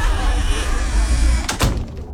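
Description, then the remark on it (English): Loud, busy noise of a 20th celebration with some voices is abruptly cut off by an insulated window or door from Solus Creations, a Canberra firm, thudding shut. A muffled hush follows. “We're celebrating 20 years of reducing noise, increasing comfort and lowering energy bills in Canberra homes with insulated windows and doors.”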